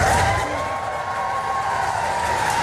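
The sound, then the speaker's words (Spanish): A crowd outside the British prime minister's residence in Downing Street, London, applauds and cheers Zelensky's arrival, received by the Royal Guard, in a steady, dense wash of clapping, with a sustained high whistle running through the whole brief stretch. “En Downing Street, Zelensky ha sido recibido por la Guardia Real y con aplausos a las puertas de la residencia del primer ministro británico.”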